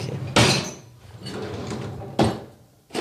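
Drawers holding rubbish bags, a single champagne glass, a carafe and a Christmas box slide open with loud scraping rushes, one at the start, another near the end and a third just beginning, with quieter rummaging and faint shuffling between them.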